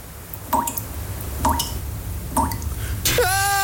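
Water drips three times at a slow, even pace, each drop a clear plink with a hollow ring, before a voice cuts in at the very end.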